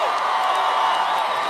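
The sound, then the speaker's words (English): A large crowd at the 2026 iHeartRadio Music Festival cheering in a steady, unbroken roar, loud and dense throughout, with no single voice or clap standing out from the wash of noise. “Oh, we've got quite the crowd in here.”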